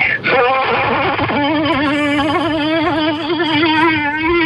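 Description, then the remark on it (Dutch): A human voice mimics a buzzing wasp with a loud, steady, wavering drone that wobbles in pitch, held continuously for several seconds. “Maar laten we even terug naar de wesp. Dit was de wesp.”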